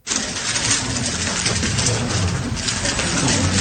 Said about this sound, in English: That's the clicking sound of a Rubik's Cube being speedily solved by a 6-year-old. Lian Yunzi from China took just over 4 seconds, setting a women's record.